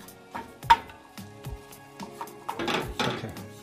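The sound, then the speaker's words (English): A spoon scrapes and knocks through thick turmeric paste in a pot over medium heat, stirred continuously as it cooks for 7 to 9 minutes, with irregular soft thuds giving way to longer, rougher scraping strokes toward the end, over a faint steady hum. “And with the paste, you wanna cook it and continue stirring it for 7 to 9 minutes to really cook it.”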